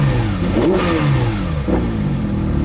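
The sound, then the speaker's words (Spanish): A German Porsche 911 GT RS sports car engine starts and revs loudly, its pitch climbing then dropping back. A second, shorter blip of the throttle follows over a steady rumbling idle, with no talking. “Este es el Porsche 911 GTRS.”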